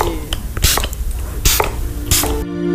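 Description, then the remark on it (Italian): A spray bottle lets out three short, sharp hissing bursts at a steady pace, each a quick puff of mist over a low, constant background hum. “Spruzzava pure alla fine.”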